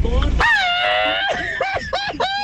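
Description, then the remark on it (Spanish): A loud, sustained shout held high for about a second, the second entry in a shouting contest, followed by a few shorter rising and falling yells, excited and celebratory. “Entre esos dos gritos, empiecen a hacer su votación.”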